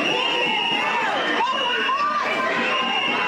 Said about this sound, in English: Frustrated community members storming the auditorium.